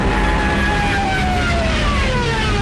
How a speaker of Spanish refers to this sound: También millones de civiles, peleando por un hueco en trenes y camiones, o a pie, largas filas en las carreteras, espantadas por el estruendo de los aviones Stukas, de sus ametralladoras y sus sirenas, apodadas las trompetas de Jericó.